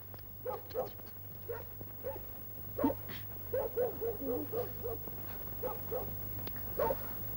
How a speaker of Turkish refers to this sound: Bu köpek ne havlayıp duruyor be! Birisi mi var dışarıda? Aa, yok! Kim olacak babacığım? Küçücük köpek bu!